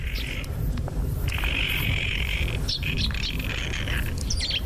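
A nutcracker, a bird of coniferous forests, sings drawn-out, buzzy high notes, one short phrase then a long sustained one, followed by scattered chirps, over a steady low rumbling background.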